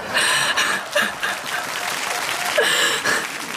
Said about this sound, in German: Das ist jetzt aber einen Applaus wert, oder?